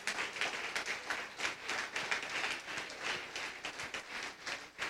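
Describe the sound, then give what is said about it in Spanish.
A crowd applauds the winner of a prize draw steadily for several seconds, a dense wash of many hands clapping at once with brief swells, no one speaking over it. “Un aplauso para la hermana”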